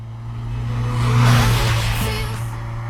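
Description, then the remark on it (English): A car engine hums with a steady low drone, swelling louder for a moment midway as if revving, then easing back down; no voices are heard. “trying to work out what car is she driving? I think it's a Corolla.”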